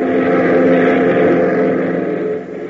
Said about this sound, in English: 15 minutes later, the boys are airborne in their Beechcraft, heading for the Greendale Airport, 100 miles to the east.